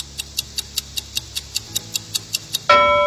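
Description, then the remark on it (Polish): A quiz countdown clock, allowing three seconds to answer a yes-or-no question, ticks steadily, about a dozen sharp even ticks over a low hum, then a loud resonant gong strikes at the end to mark that time is up and rings on. “Ten zegar będzie brzmiał w następujący sposób.”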